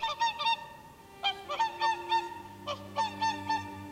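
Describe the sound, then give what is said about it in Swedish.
About 30 whooper swans give loud, trumpeting honks in three quick bursts of several notes each, the calls overlapping and slightly varied in pitch, with a faint low hum underneath and no talking, as they take off and fly over the lake by a shore meadow at Tysslingen. “Vi ser på när de snövita sångsvanarna flyger över sjön.”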